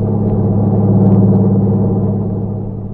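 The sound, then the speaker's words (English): A truck's engine drones loudly as it passes at high speed on a road, a deep steady rumble that swells slightly midway and then eases off. “Then he saw the lights of a truck approaching. It passed him at high speed.”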